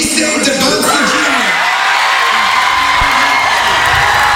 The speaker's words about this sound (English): The Davis School in Brockton hosted a watch party. Students were cheering on the 19-year-old as his name was called.